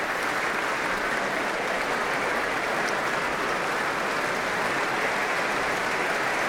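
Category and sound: crowd, concert hall audience applause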